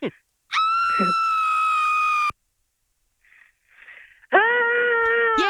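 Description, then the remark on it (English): A loud, piercing played scream holds steady for about two seconds, then after a short pause a person with a deep voice tries to copy it with a lower, rougher sustained scream that lacks the high register and ends abruptly. “We're going to play a scream for you and then you're going to try and copy it, okay?”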